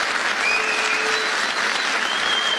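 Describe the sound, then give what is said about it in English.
A crowd applauds steadily, dense clapping filling the whole stretch with a bright, even wash, and a few faint whistle-like tones rising above it. “Nobody clapping knows what he said.”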